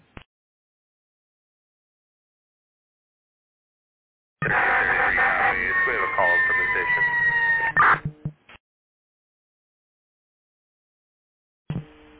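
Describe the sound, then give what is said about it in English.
A loud, wailing emergency siren blares through a tinny, band-limited radio transmission for a few seconds, its pitch sliding steadily, then cuts off abruptly with short bursts of static. “I couldn't copy you over the siren.”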